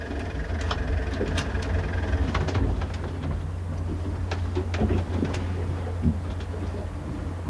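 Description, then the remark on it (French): A boat engine drones steadily, a low continuous rumble with scattered knocks and rattles over it. No one speaks. “Vous voulez qu'on souple le moteur, là?”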